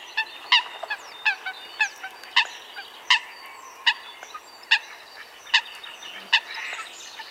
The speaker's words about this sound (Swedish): Ja, nu undrar vi naturligtvis, vad heter den här fågeln? Jag tror att det är en sothöna.